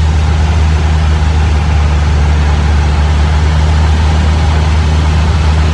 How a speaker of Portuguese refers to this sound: Só tem motor do carro aí, né?